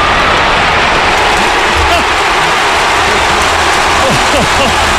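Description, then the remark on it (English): A huge stadium crowd at Croke Park roars and cheers continuously, a dense wall of noise with scattered shouts and whistles rising out of it, loud and sustained throughout. “If this goes over, you'll hear all the Croke Park erupt here because of the big cheer, big crowd in for all cheering for Wicklow, I think.”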